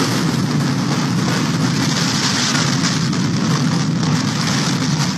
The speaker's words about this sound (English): A home was flattened and two people were stuck in their basement when a funnel cloud roared over a field in St. Liberty, Nebraska earlier today.